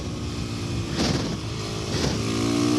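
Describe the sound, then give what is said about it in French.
A supermoto motorcycle engine revs loudly and steadily, with two sharp throttle bursts about a second apart and a rising, climbing pitch toward the end. No one speaks. “Et le moteur fait un bruit vraiment sympa.”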